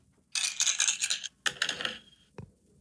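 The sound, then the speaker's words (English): Digital dice rattle and clatter in two quick bursts of busy clicking, followed by a single sharp clack as they come to rest, rolled to pick a prize-draw entrant. No one speaks. “I got the dice ready. Roll for it.”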